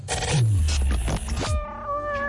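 A cat gives one loud, drawn-out meow, its pitch sliding and wavering before trailing off into a thin, fading tone. No one speaks.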